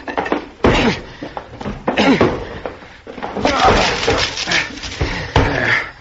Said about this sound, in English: The door to the room where he had all of this electrical equipment was locked, and we had to break it down. The door's locked, son. I'll have to break it in. Here, Dad, let me help.